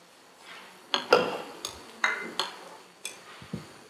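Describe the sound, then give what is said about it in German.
A spoon stirs a mixture of starch, agar-agar, salt and water in a bowl, knocking against the sides in a run of irregular clinks and scrapes, moderately loud, with no talking. “Und dann nehme ich das restliche Wasser und fange das an einzurühren.”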